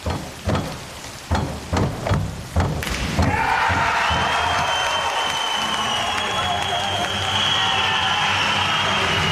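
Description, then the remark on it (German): A handful of rhythmic thuds, then a large crowd bursts into loud, sustained cheering and applause in the evening at the Swimming European Championships in Paris, cheering synchronized divers from Halle, the roar holding steady to the end. “So klang das am Abend in Paris bei der Schwimm-Europameisterschaft und der Jubel galt unserem Synchron-Wasserspringern”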